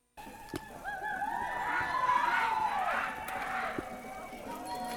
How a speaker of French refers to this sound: Et ce qu'on entend, eh bien, c'est les sonnettes d'une manifestation à vélo, puisque dans Zoom Écologie, on aime bien les manifestations à vélo.